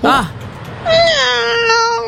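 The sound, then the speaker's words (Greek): A person imitates a cat with two drawn-out meows: a short rising-falling one, a brief pause, then a longer, wavering, slowly falling mew, fairly loud with no other talk. “Εγώ νομίζω κάνω πάρα πολύ καλά τη γάτα.”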